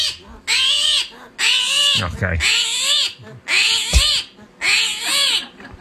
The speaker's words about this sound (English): There's a video here that's just, you want to hear a screaming hairy armadillo? Okay.